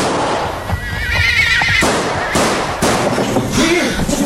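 A cavalryman's horse lets out a shrill, wavering whinny and sharp gunshot cracks ring out, all loud over a dense, rumbling background.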